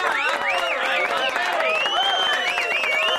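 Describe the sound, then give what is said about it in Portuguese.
A studio audience applauds steadily for a physicist and a geophysicist, with whoops and whistles rising and falling over the clapping for a few seconds at even loudness. “Palmas para o físico Marcelo Gleiser e para o geofísico Sérgio Sacani.”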